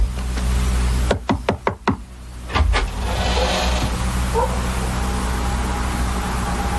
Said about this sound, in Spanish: Alguien toca la puerta. ¡Ay! Parece que están tocando la puerta.